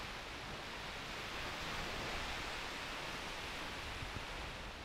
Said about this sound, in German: Naja, hier am Kap Arkona, am Gellort, am nördlichsten Punkt, da weht der Wind noch. Aber auch dem geht es hier so langsam an den Kragen, sowie den Wellen auch.